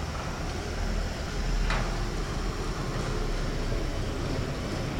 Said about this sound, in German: Wir lassen mal hier das Müllauto vorbeiziehen.